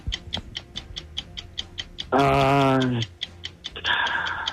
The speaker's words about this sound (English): Let's start the clock in 3, 2, 1.